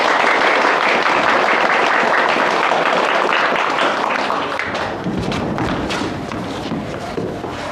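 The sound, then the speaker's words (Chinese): A large crowd of villagers at a performance in Shangqingjiang claps loudly and steadily to welcome a new act, a dense wash of applause that holds for several seconds before easing off slightly toward the end. “上清江的乡亲们，演出暂时停止，下面为大家插进来一个更加精彩的节目，一定会给大家带来万分的惊喜，掌声欢迎。”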